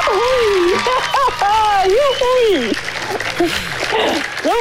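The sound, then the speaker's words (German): A crowd cheers loudly, with excited shouts and whoops rising and falling over a steady wash of clapping and noise, sustained throughout the short burst. “Ja, vielleicht könnt ihr jetzt auch gerade so jubeln.”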